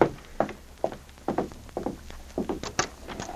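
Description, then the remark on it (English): Someone knocks at a door in a long run of about ten hollow, solid raps, unevenly spaced and moderately loud, with no voices over them. “A moment later, Clem and Jeff Gunther were startled by a knock at the door.”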